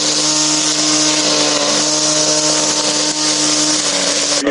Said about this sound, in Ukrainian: Із уламків російського безпілотника «Молнія» зробили газонокосарку.